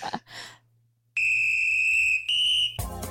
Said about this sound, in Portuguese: O apito tocou